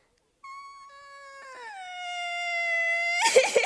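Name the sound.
child crying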